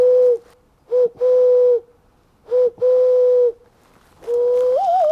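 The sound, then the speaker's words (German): A man's voice mimics wood pigeon and owl calls while walking through a dense forest: a series of hollow hoots, some clipped and some drawn out, ending in a longer call that bends upward in pitch. “stellt die Laute von Tauben und Eulen für mich nach.”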